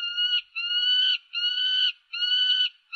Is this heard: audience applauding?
no